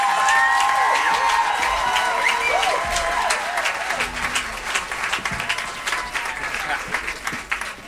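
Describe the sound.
Loud, sustained applause from an audience for two people, with many hands clapping densely for the whole stretch, a few cheers and voices mixed in, easing slightly toward the end.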